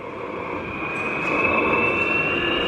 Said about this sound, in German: Vor mir steht nämlich so eine alte Diesellok und die nimmt jetzt richtig Fahrt auf. Klingt eher wie ein Düsenjet, der abhebt. Ja, ja, das ist noch so eine alte Lok, die ist ein bisschen lauter.